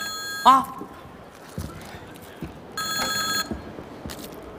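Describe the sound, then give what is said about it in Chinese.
A telephone rings late at night in short bursts: a sharp ring, a pause, then a longer ring and a brief third one, clear over a quiet, slightly noisy background. “哎呀，大妹子，来，我出个主意啊，咱两个把电话拿起来，咱俩谁也别说话，让电话那头先说话，男的是你老公，女的是我老婆，啊。”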